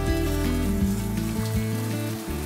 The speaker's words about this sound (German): Brutzeln sie schon? Die brutzeln hier nicht so richtig. Die will ich jetzt mal hier unten auf die Kohle stellen. Da ist mehr Schmackes.